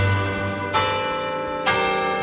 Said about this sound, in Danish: De ikoniske klokker, som har ringet hver dag de sidste 100 år, altså har ringet Radioavisens 12 nyheder i gang.